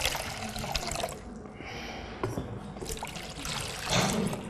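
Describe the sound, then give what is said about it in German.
Water pours steadily from a jug for a few seconds, a continuous trickling splash that briefly thins out midway and swells again near the end, with no one speaking. “Da ist bloß Wasser drin.”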